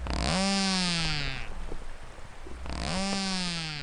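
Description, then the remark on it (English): Two loud, buzzy narwhal echolocation calls, each a rapid pulsed buzz that slides slightly downward in pitch, separated by a short quiet gap with faint scattered clicks; narwhal clicks and buzzes range from about 500 hertz to beyond 20 kilohertz. “Their clicks and buzzes range from as low as 500 hertz and climb beyond 20 kilohertz.”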